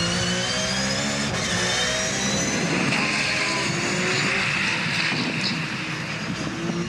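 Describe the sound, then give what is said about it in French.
A race car engine roars steadily at high revs on a track, its loud, harsh whine climbing and shifting in pitch as it accelerates through 200 to 220 km/h, with heavy wind rush throughout and no voices. “3, 4, 5, 200, 207, 220 km/h. On commence à avoir les pneus bien chauds.”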